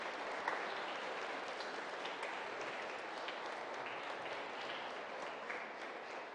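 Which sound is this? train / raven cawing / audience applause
audience applause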